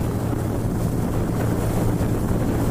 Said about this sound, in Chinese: 因为斑海豹对声音具有高度的敏感性，噪声较大的渔船不便靠近蚂蚁岛。为避免对它们造成干扰，我们决定乘坐一艘快艇前往。